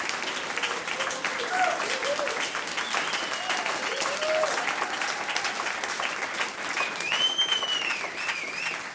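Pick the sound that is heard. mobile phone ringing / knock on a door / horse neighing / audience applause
audience applause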